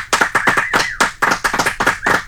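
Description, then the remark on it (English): Several layers of one person's hand clapping overdubbed on top of each other as a sound effect, dense and overlapping into a busy, loud patter that sounds like a small group applauding. “It's just a sound effect of me clapping on top of me clapping on top of me clapping.”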